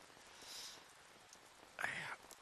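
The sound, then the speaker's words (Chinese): Rain falling at night and leaking through the roof and bed boards hisses softly and steadily throughout, with a brief breathy, voice-like burst near the end rising briefly above the patter. “一下雨啊，这脑壳就疼，疼得睡不着，老毛病”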